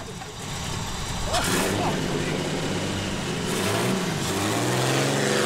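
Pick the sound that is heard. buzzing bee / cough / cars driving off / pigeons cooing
cars driving off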